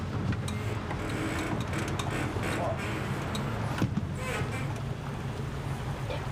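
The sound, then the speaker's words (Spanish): A motorboat for up to 12 passengers, steered by a woman, drones steadily and fairly loud on Lake Vicas, a reservoir in Romania, with a constant low hum and rushing water and wind noise throughout, no distinct breaks. “Las lanchas a motor se consideran asunto de hombres.”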